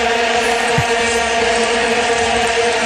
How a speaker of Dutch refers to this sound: In dat jaar kreeg iedereen bij de post een oranje vuvuzela. Die ligt nog ergens op zolder bij de, leeuwenpet. Ja, die vuvuzela's bij dat WK. Hè. Als je dan een wedstrijd zat te kijken, ben je helemaal gek van.